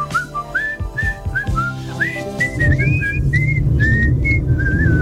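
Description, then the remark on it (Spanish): Someone whistles a clear, tuneful melody of short rising and falling phrases, steady, over a soft musical backing for about five seconds. “Ahí estoy a punto de sacarla, la que silbó.”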